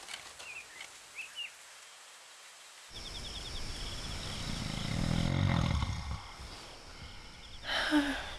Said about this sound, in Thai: นอนไม่หลับเลยลูกปู่กรนเสียงดังใช่ไหมล่ะ พ่อกรนดังกว่าคนปู่อีกค่ะ